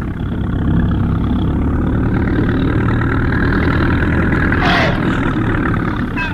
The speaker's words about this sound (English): turn off the engine.